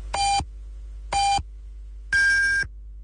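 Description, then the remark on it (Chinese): Three electronic beeps at even one-second intervals: two short identical tones, then a longer, higher-pitched final beep, time pips marking 10:30 Beijing time on Yanbian Radio and Television's Chinese news radio, clear and alone against a faint hum. “北京时间10:30。”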